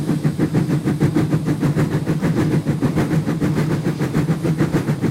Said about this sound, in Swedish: Jag tog med några ljudburkar så ni får höra. Så här låter ett gammaldags tuff-tuff-tåg.